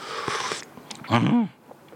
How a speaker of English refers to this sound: Pick up your China cup. Whoa, looking forward to this. Here we go. First slurp of the week. Or last slurp of last week, if you like.